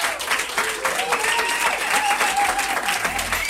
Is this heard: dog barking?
no